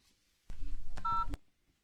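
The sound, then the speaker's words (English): A quick run of mobile phone keypad tones, a few short electronic beeps, with faint handling clicks and no voices. “Where's my phone? I'll read it to you.”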